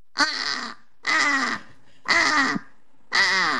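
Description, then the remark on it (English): Four loud, harsh caws in a steady rhythm, each about half a second long with short pauses between, made by a human voice imitating a British crow, with no other sounds. “Okay, let's hear the British crow then.”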